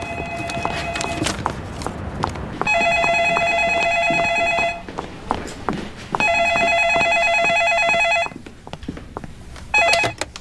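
A telephone rings in a café in long, bright electronic trills, two full bursts separated by pauses and a third starting at the end, loud over a busy background of clattering noise.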